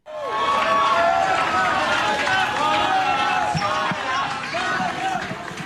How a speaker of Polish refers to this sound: Wszystko przebiegło zgodnie z planem, no i takie tłumy i taki hałas powitał ją w hali przylotów.